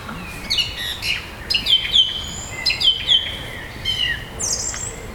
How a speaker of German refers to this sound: Erinnert es irgendwen an die Amsel? Mhm. Genau, es ist nämlich eine Drossel. Ich finde auch von der Stimme her klingt das erstmal sehr ähnlich wie eine Amsel. Genau, und es ist, sie macht immer ein Motiv und wiederholt das dann bis zu 9 Mal,